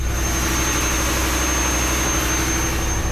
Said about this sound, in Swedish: Her er maskinrommet, og her larmer så mye